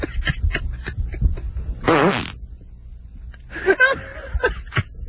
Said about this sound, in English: I can't believe that I'm being offended by someone else's fart. Oh, it's just a huge noise. It's huge.